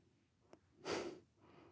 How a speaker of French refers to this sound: C'est ma respiration.